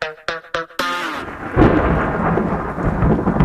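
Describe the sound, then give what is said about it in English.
A few short tonal notes open, then a steady, loud wash of storm noise takes over: heavy rain hissing with deep rolling thunder rumbling underneath. “It only takes one storm, one strong wind, one roof leak.”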